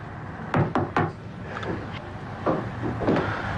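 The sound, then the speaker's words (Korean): Three sharp knocks rap on the door of a second-floor room in quick succession, clear, followed by softer shuffling and a couple of duller thuds. “팔짱을 낀 채 창문을 마주하고 서 있던 한목지가 노크 소리에 고개를 돌린다.”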